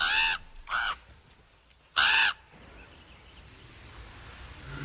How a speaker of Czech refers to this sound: To je gavran, čuješ? A neka je. Kakav nemili krik. Iz crne magle glas.